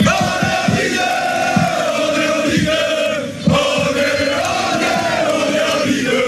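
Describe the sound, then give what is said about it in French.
A big stadium crowd at the Stade Gaston Gérard roars and chants steadily, a dense wall of massed voices with rhythmic surges and a brief dip before the noise swells back up, loud throughout. “Il y aura forcément de l'ambiance ce soir au stade Gaston Gérard.”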